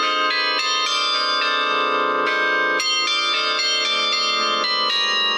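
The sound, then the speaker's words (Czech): Carillon bells ring out a melody from the town tower, a steady run of bright overlapping chimes struck about every half second, loud and resonant with long ringing tails and no voices. “No, protože oni mají jako hlavní úkol koncertovat v tom městě, kde jsou takzvaně statutární a hrají třeba při příležitostech, když je v sobotu trh, tak aby se lidem dobře nakupovalo, tak k tomu hraje zvonohra z městské věže.”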